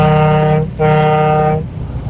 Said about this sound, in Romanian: Un claxon pentru voi.